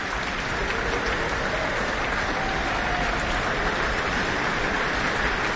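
A large concert audience applauds the timpani player of the Auckland Philharmonia orchestra, a dense, even wash of many hands clapping at constant loudness throughout, with no voices over it.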